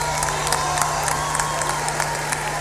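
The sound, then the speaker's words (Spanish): A large audience applauds a band after its members are introduced, dense overlapping claps filling the space at an even, fairly loud level, with a faint crowd murmur and a low hum underneath. “Le agradecemos sus aplausos”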